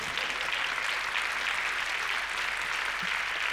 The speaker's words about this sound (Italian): Se fate anche un applauso, magari ci aiutate.